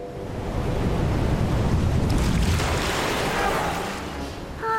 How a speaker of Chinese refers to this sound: 更正一下， 这个环礁上面没有任何东西可以抵御海浪的侵袭。 你说的对，除了大量的沙子，什么都没有。